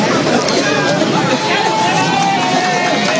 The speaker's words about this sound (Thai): มีเสียงของชาวบ้านนะคะจากทั้งสองข้างทางนะคะก็ปรบมือให้กำลังใจนะคะท่านนายกรัฐมนตรีพร้อมกับคณะนะคะ